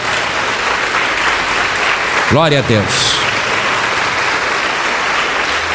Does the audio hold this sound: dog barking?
no